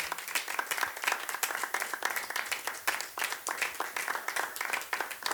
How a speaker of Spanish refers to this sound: Démosle palmas al Señor, aleluya.